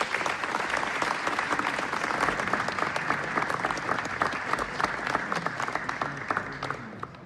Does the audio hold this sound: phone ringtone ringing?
no